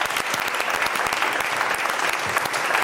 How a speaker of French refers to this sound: Déjà, vous pouvez vous applaudir, le public, parce que vous avez bien joué.